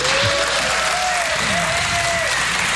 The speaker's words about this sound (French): Cher public du Blues Café, merci de faire un tonnerre d'applaudissements pour … à la batterie.